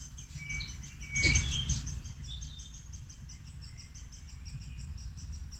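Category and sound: bird, small birds singing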